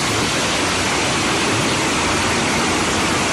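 Clean water rushes steadily along a river channel in a dense, even hiss with a low churning undertone, with no voices.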